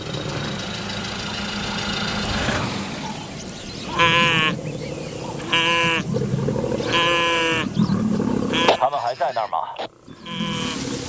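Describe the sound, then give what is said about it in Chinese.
Three drawn-out, bleating distress bawls from a blue (brindled) wildebeest knocked down by two lions ring out one after another over a steady low engine idle, followed by a burst of rough, broken noise. “两只狮子对一只斑纹角马，你们得过来看看。对，没错，狮子已经把角马扑倒了，角马倒下了。”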